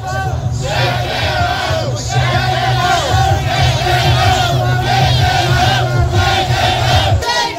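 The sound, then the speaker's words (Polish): A large protest crowd in Dublin, Ireland, demonstrating against immigration and the EU migration pact, chants and shouts slogans such as "Traitors" in unison, loud, the massed voices rising and falling in a steady rhythm throughout with brief dips between phrases. “A to, co krzyczeli protestujący w Dublinie.”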